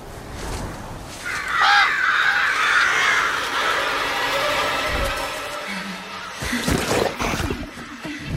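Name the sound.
flock of crows cawing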